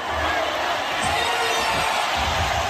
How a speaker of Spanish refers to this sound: Estamos en un estadio de fútbol, las gradas están llenas, hay aplausos y un gran protagonista sobre el terreno de juego.